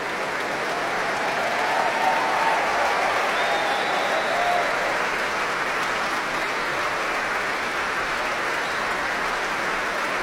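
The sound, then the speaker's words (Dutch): The audience in the grand hall of the Concertgebouw applauds a soloist who played with the Concertgebouw Orchestra, hoping for an encore, a dense, even wash of clapping that holds at the same loud level for about ten seconds, with no one speaking. “En iedereen blijft klappen.”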